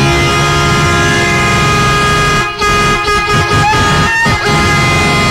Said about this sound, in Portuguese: Tá aí a buzina, acorda, negada! Levantar o povo que tá dormindo aí, vamos acordar, gente.